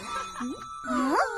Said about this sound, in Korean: 종소리도 이상한데? 뭔가 다 박자가 안 맞았거래.